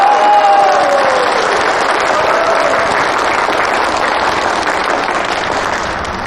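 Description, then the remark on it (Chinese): An audience breaks into sustained, loud applause as the county's new magistrate, also head of the machinery factory, is invited to speak, a dense rush of clapping that holds steady for several seconds before tapering slightly at the end, with a faint whistle-like tone early on. “下面有请本县新任县长兼任机械厂厂长潘金伟长官讲话，鼓掌。”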